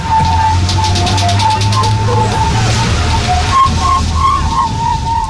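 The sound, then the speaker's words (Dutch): A spinning toy gives off rapid, even ticking of little balls clattering around, over a steady wavering whine and a low droning hum; no one speaks. “Nu ik dat geluid hoor van die tikkende geluid, balletjes, moet ik ook meteen aan knikkeren.”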